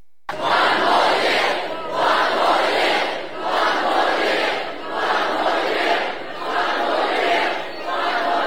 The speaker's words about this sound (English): Thousands of fans have packed Brisbane's River Stage to celebrate with the team.